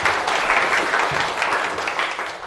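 A room full of people claps steadily, a dense, sustained patter of applause at close range that carries on evenly without any talking over it.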